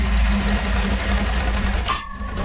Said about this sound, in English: Just a little bit dangerous, the V8 engine chainsaw there. Not going to lend it out, and doesn't sound like it does too much with it. But anyway, it's a V8 chainsaw. There you go.